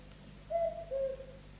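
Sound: cuckoo calling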